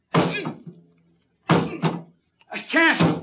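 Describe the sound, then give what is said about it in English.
Three heavy shoves against a jammed metal cabin door on a sinking ship, each a loud thudding rattle, spaced about a second apart, with someone's straining grunts of effort mixed in. “The door. I can't open it. It's jammed.”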